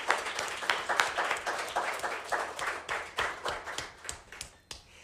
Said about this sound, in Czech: To je super, že jste tady, že tleskáte, protože tak to nevypadá, že tady nikdo není, že jo? Ty lidi neví v tom rádiu, jestli tady někdo je nebo není.